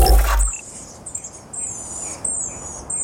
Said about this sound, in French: Et puis François, ça va devenir une habitude, vous nous faites à nouveau écouter un bruit d'oiseau, celui-là c'est le miro des îles Chatham. Et on l'entend grâce à la base de données Xenocanto.